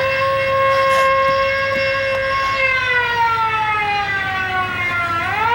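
A loud alarm siren wails steadily, its harmonic tone holding level before sliding downward and rising again near the end, over a low rumbling background with no talking.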